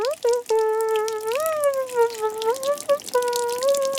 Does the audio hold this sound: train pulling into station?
no